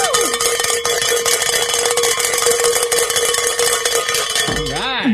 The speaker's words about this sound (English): It's always great to be able to ring the bell, so congratulations to Sean and Nate from the last hour for hitting that goal.